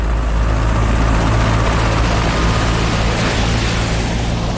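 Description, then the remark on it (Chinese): A loud helicopter slowly lands at Uman's estate, droning steadily throughout, its low rotor thrum and engine whine holding a constant, dense roar with no voices present. “一架直升机缓缓降落在乌曼的庄园里，等着乌曼登机。”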